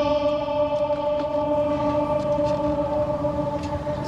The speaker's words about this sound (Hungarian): Van itt egy kis ablak, ahol be lehet egyébként kiabálni, nem tudom, mennyire adja vissza a mikrofon. Mindjárt kiderül. Igen, tehát a rácsokon be lehet kiabálni, azért már van ennek most is visszhangja.